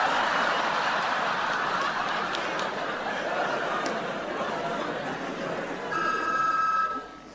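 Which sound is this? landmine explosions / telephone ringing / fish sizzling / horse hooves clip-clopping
telephone ringing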